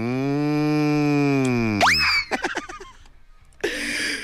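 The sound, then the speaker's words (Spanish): A long, loud, low moo from a cow being chased is drawn out for nearly two seconds. Then comes a sudden rising squeal and a few choppy, laugh-like bursts before a steady noise returns. “si andamos correteando aquí la vaca. La vaca, la vaca, la misma vaca.”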